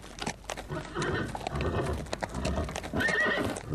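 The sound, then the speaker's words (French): A horse's hooves clip-clop steadily as it pulls a rolling cart, with a short, high whinny rising near the end; the sounds are fairly loud. “Deux étrangers virent passer la charrette sans cocher.”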